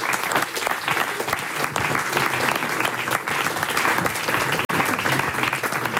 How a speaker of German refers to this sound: Vorher gibt es aber erstmal noch einen riesigen dicken Applaus für Sie selbst, dass Sie es heute hier bei der Hitze hergeschafft haben